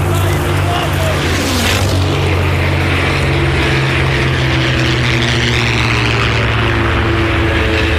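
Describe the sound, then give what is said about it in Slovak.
A propeller aircraft engine drones loudly and steadily throughout, its deep throbbing hum continuous, with a faint rushing wind layered over it; the plane is flying over returning aircraft and signal fires that mark where to land. “Vidím pod sebou vracajúce sa lietadlá a signálne ohnie, ktoré nám ukazujú, kde máme pristáť.”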